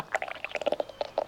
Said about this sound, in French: C'est le ventre de Toudou qui fait ce gargouillis. Doudou a le ventre qui gargouille parce qu'il commence à avoir faim.